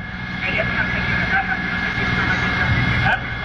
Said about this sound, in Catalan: l'helicòpter dels bombers que sobrevola la zona.